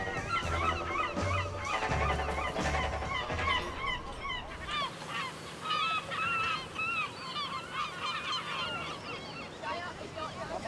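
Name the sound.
seagulls calling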